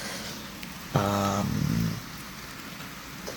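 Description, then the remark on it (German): Steady, soft hiss of falling rain runs throughout, briefly joined by a buzzing, engine-like harmonic drone lasting about a second before the rain continues alone. “Und ihr hört heute Atmos vom Regengeräuschen.”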